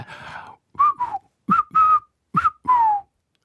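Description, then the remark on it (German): A person whistles a short, halting tune in three quick phrases of paired notes, fairly loud, with breathy onsets and brief pauses between phrases. “Okay, wir sind nicht so gut im Pfeifen.”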